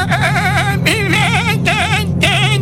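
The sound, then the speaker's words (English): A human voice imitates a baby billy goat's bleat, a high, quavering, wobbly cry repeated in several bursts, loud with a low hum underneath. “Billy goat sounds a little grown. Can you make it sound like a baby? It's got to be a little higher.”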